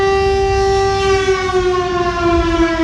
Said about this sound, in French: on a un bouton de commande qui actionne la sirène qui est à 60 mètres d'altitude au-dessus de nos têtes, tout en haut du beffroi